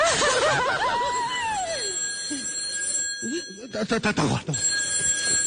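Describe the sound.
A telephone rings with a bright, trilling bell tone that sounds steadily and then pulses in quick bursts near the end, while a voice with a wavering, sing-song pitch talks over the start.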